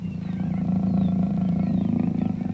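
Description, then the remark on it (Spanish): A jaguar's deep, rumbling roar holds steady for a couple of seconds, loud, with faint high chirps from birds in the background and no talking. “¿Alguna vez has visto al gran jaguar?”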